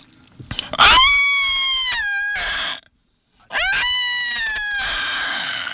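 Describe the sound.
A person mimics a cat with two long, loud, drawn-out meows, the first lasting nearly two seconds, then a short pause before a second stretched wail. Each call rises sharply and trails off slightly.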